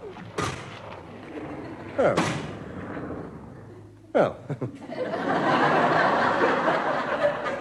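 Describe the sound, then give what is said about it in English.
A washing machine churns with loud, irregular thuds as a muddy Wellington boot tumbles inside. Heavy bangs come every couple of seconds, then a steady, roaring whir builds as the drum speeds up. “Karen, what's this, a Wellington boot? Well, they were all muddy. I was going to wash them. In the washing machine?”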